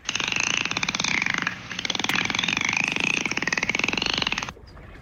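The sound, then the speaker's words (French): A dolphin gives a loud, rapid buzzing burst of clicks with a whistly tone running through it, briefly pausing once and then stopping abruptly near the end. “Bravo, belle observation, c'est un dauphin.”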